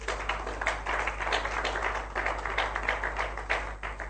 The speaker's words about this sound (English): If you believe, just clap for the Lord.